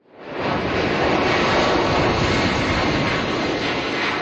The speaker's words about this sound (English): That is the sound of an evacuation flight lifting off from the Canary Islands with Canadians on board. They are part of a high-stakes operation to clear a cruise ship crippled by a deadly hantavirus outbreak.